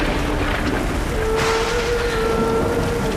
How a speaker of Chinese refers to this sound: 下雨了，回去吧。